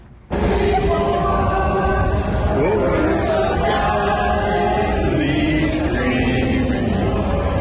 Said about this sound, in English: Yeah, kind of a cool moment there. This was earlier a scene at the Tidal Basin where you see the Jefferson and Lincoln Memorial there, the crowd breaking out into a rendition of the national anthem, in contrast to some of the chaos